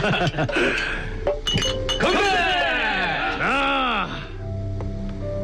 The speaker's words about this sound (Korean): 오랜만에 만난 기쁨에 격정이 한껏 오른 한목지네가 기꺼이 잔을 부딪힌다.